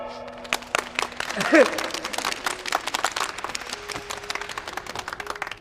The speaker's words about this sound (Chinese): 掌声送给我们的 MVP。